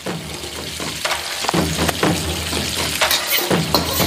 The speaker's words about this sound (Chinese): 腊肉在锅中煸出的油脂恰到好处地引出了雁来逊的山野清气，菌菇吸饱了腊肉的咸香，在锅中欢快翻滚。